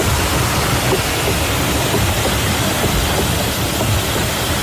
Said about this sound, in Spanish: Esto es un batán, esto está grabado antes de ayer, es el batán. Un batán es un ingenio que golpea, son troncos de madera muy gordos, muy pesados, que golpean la lana, abatanan el tejido para poder usarlo, ¿no?